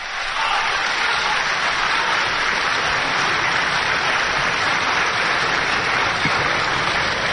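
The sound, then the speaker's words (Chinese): Sustained, dense applause from a large live crosstalk audience at Ma Zhiming's 50th stage anniversary performance, December 2007, a steady roar of many hands clapping at constant loudness for the whole stretch, with no voices standing out above it. “这一晚上，您鼓掌都够累的， 可不是吗？”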